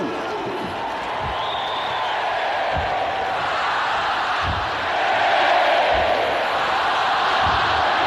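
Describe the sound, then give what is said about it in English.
A large college football stadium crowd, with a big student section, roars and shouts continuously on a Saturday night in South Carolina as a starter fires them up. It is a dense wash of many voices with rhythmic thumps or claps underneath, swelling louder about halfway through. “And he looks perfectly at home, getting this crowd fired up.”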